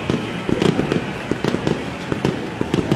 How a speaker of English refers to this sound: And you love hearing fireworks.